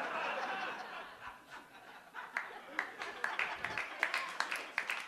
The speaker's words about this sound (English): Me and one person clapping are going to Denny's after this show. I know it's a dude. I know it's a dude.